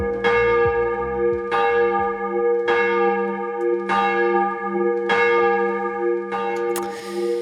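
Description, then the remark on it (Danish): A church bell tolls alone in a steady rhythm, about six loud strikes roughly a second apart, each bright clang leaving a rich, humming ring that sustains beneath the next. “Ja, lad os starte med lige sådan at ringe timen ind for alvor.”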